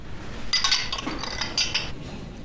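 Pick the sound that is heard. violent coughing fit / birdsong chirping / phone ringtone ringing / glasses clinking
glasses clinking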